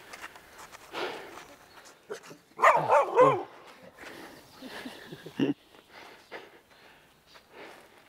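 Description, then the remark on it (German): A dog barks in a loud burst near the middle as it approaches, surrounded by quieter sniffing and snorting noises and a final short bark, with no one talking. “Ich muss ganz ehrlich sagen, es hat mir gerade ein bisschen Angst gemacht, wie Ihr Hund sich hier so, wie er so ankam.”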